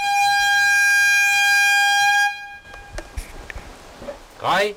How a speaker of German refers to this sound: Doch zunächst ist weit über die Mellentiner Heide hinaus jenes durchdringende Signal zu hören, das eine baldige, kontrollierte Bombendetonation ankündigt.